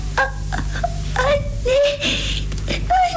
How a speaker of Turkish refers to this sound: Bırak ağlamayı, bırak hadi.